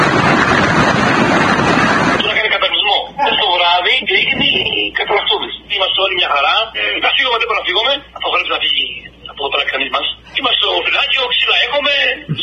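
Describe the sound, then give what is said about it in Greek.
Loud, dense roar of torrential river water, formed by huge volumes of accumulated water during bad weather, rushing through the Samaria Gorge in a national park for about two seconds, then cut off as a person talks over a thin, telephone-like line for the rest. “Οι μεγάλες ποσότητες που έχουν συγκεντρωθεί στην περιοχή δημιουργούν ορμητικά ποτάμια μέσα στον εθνικό δρυμό, τα οποία δεν επιτρέπουν την απομάκρυνση 8 εργαζομένων.”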